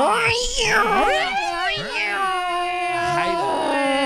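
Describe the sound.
A person's voice mimics two cats fighting, with continuous yowling and warbling caterwauls that rise and fall in pitch for several seconds.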